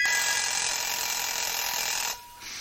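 A loud alarm clock bell rings in a steady metallic clatter for about two seconds, pauses briefly, then starts again. No voices.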